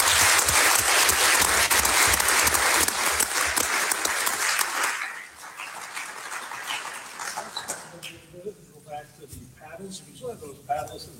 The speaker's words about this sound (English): This is Kodiak. It's a fishing community. You've all showed up and answered some very tough questions on fishers. Could we have a round of applause for our candidates?